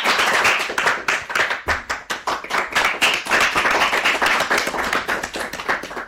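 A group of children clap their hands together in a dense, rapid patter of sharp claps, briefly thinning for a moment before swelling again, loud and steady with no one speaking.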